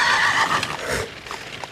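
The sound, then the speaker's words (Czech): A spooked horse lets out a loud, shrill whinny, its quavering cry tapering off after about a second, with faint hoof clatter beneath it and no talking. “Nějaký šílenost mi plaší koně, pánové.”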